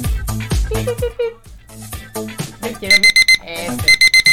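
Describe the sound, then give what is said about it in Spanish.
A person talks briefly, then a soft alarm clock starts ringing in quick bursts of rapid, high-pitched beeps, two short groups close together near the end. “Yo siento igual que nuestra alarma es una alarma muy suave.”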